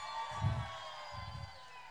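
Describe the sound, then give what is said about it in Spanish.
A large live audience at Viña del Mar cheers and applauds in a steady, sustained roar of mixed voices and clapping, with a few louder swells rising out of the crowd noise. “El aplauso fuerte es para”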